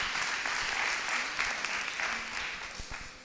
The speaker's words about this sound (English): Please join us in a warm round of applause for the Hill House Association.